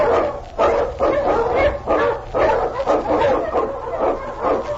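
Husky sled dogs in The Challenge of the Yukon bark over and over in a loud, dense chorus, overlapping yips and bow-wows repeating in quick bursts with a low rumble underneath.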